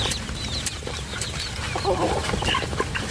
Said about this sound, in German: Ist da direkt ein bisschen entspannter, so ein paar gackernde Hühner, oder?